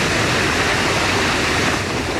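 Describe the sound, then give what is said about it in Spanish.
Strong rushing river water roars steadily and loudly throughout, a dense, continuous wash of turbulent flow with no pauses and no voices, released downstream after the intake floodgates of a power plant were opened. “Las compuertas de la captación fueron abiertas para permitir el paso del agua y los efectos se sintieron metros abajo, con un fuerte caudal.”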